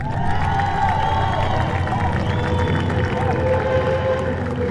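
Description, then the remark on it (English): A large grandstand crowd at the Manx Grand Prix applauds and cheers steadily for race winner Johnny Stewart, a dense wash of clapping and shouting voices holding loud and constant throughout, with faint whistles rising above the roar. “Brilliant applause on the grandstand for Johnny the second time onto the top step.”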